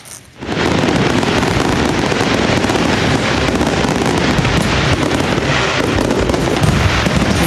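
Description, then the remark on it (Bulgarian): A loud, sustained barrage of ceremonial fireworks closing the celebrations in Veliko Tarnovo, Bulgaria, for the 118th anniversary of Bulgarian independence, at Tsar Asen I Square before Tsarevets fortress: dense overlapping bangs and crackles for several seconds after a brief quiet start, with no voices. “С тържествена заря проверка завършиха тържествата в Велико Търново по случай 118-та годишна от обявяването на независимостта на България.”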